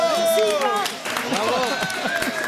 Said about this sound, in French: Bon, je pense que tout le monde peut t'applaudir bien fort. Bravo!